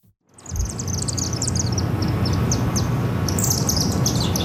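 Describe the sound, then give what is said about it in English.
Thirty or forty chimney swifts chirp and chitter in rapid, overlapping bursts high overhead around a chimney in a city's Chinatown at 9 o'clock at night, a busy twittering chorus above a steady low rumble of city background noise. “That iconic chirping, chittering noise.”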